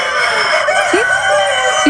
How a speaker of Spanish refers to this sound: Sí. No son personas, son gallos. Pero están concursando en algo. Están concursando. En la localidad belga de Berlo, decenas de criadores se reúnen cada domingo para participar en Le Coq Is Vignon